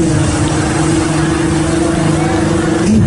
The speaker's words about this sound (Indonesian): Bagaimana dengan knalpot blong? Ditangkap anak muda yang pakai knalpot blong ini, diletakkan telinga dia ke dekat itu, digas.